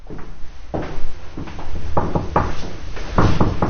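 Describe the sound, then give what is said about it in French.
A heavy carriage door is pushed open, with a series of wooden clunks and latch rattles over about four seconds and a low rumble beneath, no voices. “Alors l'envie nous a pris d'aller voir des balcons, de pousser les portes cochères.”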